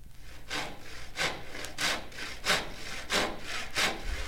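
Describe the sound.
A voice imitates a saw with about seven rhythmic, breathy rasping strokes, steady back-and-forth, moderately loud, with no talking.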